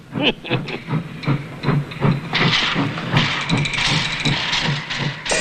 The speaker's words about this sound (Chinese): 包队长，有一个火车头进站， 这里不准停车。